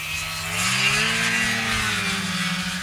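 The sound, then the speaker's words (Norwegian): A snowmobile engine revs steadily and loudly, its buzzing drone rising slightly in pitch and then easing back over a few seconds, with no voices. “Mer enn hver femte norske snøskuter registrert I det minst folkerike fylket, så her det stemmer å hente.”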